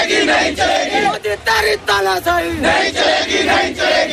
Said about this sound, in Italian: Cori e slogan contro il ministro dell'istruzione e il governo di Narendra Modi hanno accompagnato la protesta di ieri a Nuova Delhi.